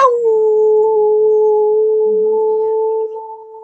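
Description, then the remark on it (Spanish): A person imitates a howl with one long, steady, sustained note held for several seconds, loud, easing off slightly at the end. “Y yo, es que en serio, siempre me ha gustado, siempre me ha causado hilaridad el aullar.”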